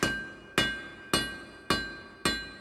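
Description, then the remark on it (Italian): Five evenly spaced hammer blows on a chisel during a building's construction ring out at a steady, deliberate pace, each sharp metallic strike leaving a bright ringing tail that fades before the next. No voices. “Li osservavo da lontano tra il rumore degli scalpelli e dei martelli”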